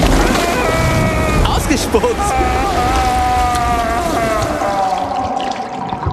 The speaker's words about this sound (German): Und gegurgelt wird auch noch.